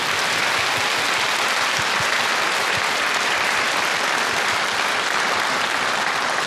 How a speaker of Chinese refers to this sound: 谢谢亲爱的朋友们，让我们再一次响起热情的掌声，向舞台上的艺术家们，向上海民族乐团表示感谢，谢谢大家的精彩呈现， 谢谢。